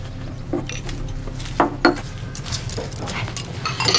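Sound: washing dishes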